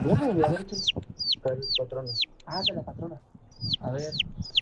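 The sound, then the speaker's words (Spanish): A seagull squawks loudly and repeatedly, a rapid series of sharp, descending shrieks, with a voice underneath. “No, pareciera que le iban a destazar, güey. Pobre gaviota, güey”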